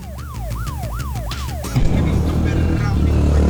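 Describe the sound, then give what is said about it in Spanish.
Busy street traffic rumbles steadily on Roosevelt Avenue, with a wailing siren rising and falling several times at the start before giving way to a louder, continuous roar of passing vehicles. “Porque tenemos videos de apoyo también con el tráfico y lo que están diciendo los comerciantes.”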